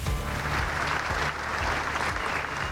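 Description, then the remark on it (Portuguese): Sustained applause from hundreds of people in the Alfândega courtyard, Azores, Portugal, welcoming President António José Seguro arriving on foot to close the Portugal Day celebrations; a dense, steady wash of clapping at an even, fairly loud level with no pauses, and faint murmuring mixed in underneath. “Foi recebido com um longo aplauso das centenas de pessoas que foram até ao pátio da Alfândega para o arriar da bandeira.”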